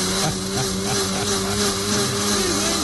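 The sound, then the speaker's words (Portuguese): A blender whirs steadily at full power, blending fruit and cooked yam, a loud motor hum with a constant pitch and a gritty, buzzing texture that doesn't let up. No one speaks over it. “O liquidificador funciona ainda, filho?”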